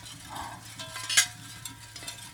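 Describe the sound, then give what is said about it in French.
Very fine porcelain sheets in an artwork rustle and clink against each other, giving a crisp, slightly metallic rattle with one brighter crackling burst midway and a steady low hum beneath. “Après, là, on est sur de la feuille de porcelaine hyper fine. Ah, ça fait du bruit aussi.”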